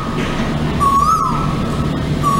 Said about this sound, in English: That is the bird call of the Asian Kowel. That's right. It is a native bird species here in Singapore. It's basically Singaporean because it's not an introduced species. And they're particularly noticeable because they are so loud.